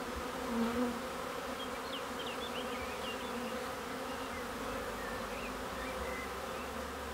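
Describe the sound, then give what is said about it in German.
A steady, dense hum of many bees buzzing together around woven straw hive baskets in which they build their combs naturally, continuous, with faint chirping birds above the drone and no voices. “Für seine Bienen erschafft er solche Wohlfühloasen.”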